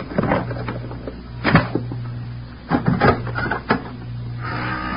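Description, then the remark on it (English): A pass key rattles and clicks in a lock, followed by the clunk and creak of a door swinging open, with a steady low hum underneath. “Now keep back. I'm going to use the pass key.”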